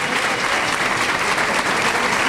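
A bullring crowd's loud, sustained ovation for bullfighter Morante de la Puebla, a dense wash of many hands clapping at once with steady intensity throughout and no voices standing out.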